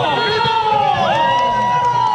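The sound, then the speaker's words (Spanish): A lively outdoor crowd cheers and shouts steadily, with overlapping voices, whoops and high-pitched calls over a dense, continuous murmur, as a family fun run for heart month starts in the Ex Helipuerto sector, Costanera Valdivia, with runners of all ages and some children on bicycles. “Ya están corriendo, ya están corriendo de todas las edades a esta hora en el sector Ex Helipuerto, Costanera Valdivia, algunos niños también en bicicleta, otras personas mayores de todas las edades”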